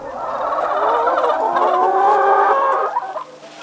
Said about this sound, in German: hat die Tür von einem seiner mobilen Geflügelställe geöffnet und zeigt stolz auf die weiß gefiederten Hühner, die, wie er sagt, neugierig singen. Auf seinem Demeterhof hält er 7600 Legehennen und 12000 Masthähnchen.